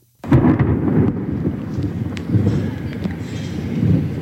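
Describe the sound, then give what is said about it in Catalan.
A loud, sustained roll of thunder rumbles deep at night during a storm, starting abruptly and growling on for several seconds with uneven swells and crackles, with steady rain hissing faintly underneath. “Aquest era el so que teníem a sí, nit.”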